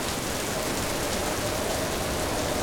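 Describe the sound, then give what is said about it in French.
Heavy rain pours down steadily in big drops, a dense, continuous hiss with a pattering texture of drops striking a surface, fairly loud and unbroken throughout. “Maintenant, il pleut à grosses gouttes.”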